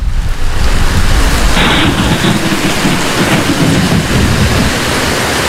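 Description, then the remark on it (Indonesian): Heavy rain pours down in a dense, steady roar while deep thunder rumbles underneath, loud throughout, with no voices. “Hujan seperti ini selalu mengingatkanku pada lipatan banjir Bone tahun 2012.”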